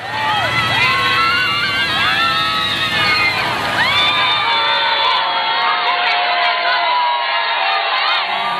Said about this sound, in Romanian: înainte de revenirea în Barcelona, unde, în drum către Sagrada Familia, Papa a fost întâmpinat cu ovație de mulțimea de oameni dornici să-l vadă.